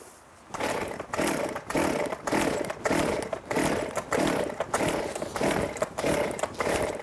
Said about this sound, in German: Und seitdem sage ich immer, mach einmal die Säge an, guck, dass sie auch anspringt, aber... Probier's nochmal.